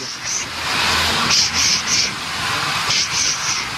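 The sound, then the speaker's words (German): A steady, loud rush of steam hissing from an old steam locomotive, number 17, built in 1925 in Winterthur, with 500 horsepower, pulling red vintage carriages about 100 years old, with repeated sharper hissing bursts that come in small clusters and no voices. “roten Nostalgiewagen, die rund 100 Jahre alt sind, angetrieben auch von einer alten Dampflocke, die zischt und zischt. Sie hören's ja hier schon.”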